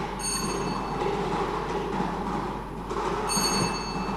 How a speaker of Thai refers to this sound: พนักงานออกเลขรางวัลจะได้ทำการหมุนอุปกรณ์วงกลมเป็นขั้งที่1และในกรณีพนักงานออกเลขรางวัลก็กำลังทำการหมุนอุปกรณ์วงกลมเป็นขั้งที่1เพื่อเหตุให้หน่วยบานทั้ง6หน่วยบานได้สลับกันไปมา